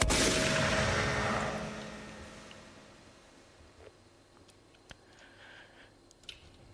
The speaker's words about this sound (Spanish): Astor sacó la carabina, la cargó y empezó a disparar tiros al aire